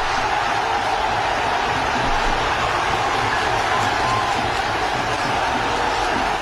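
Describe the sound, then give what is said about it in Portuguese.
A huge crowd of fans of Brazil's national football team, gathered before a giant screen, cheering in one dense, unbroken roar that holds steady and loud for about six seconds, with no single voice standing out. “Vamos lá, ó, vamos ouvir aí, vamos ver. Parece a quadra da Gaviões da Fiel, olha isso.”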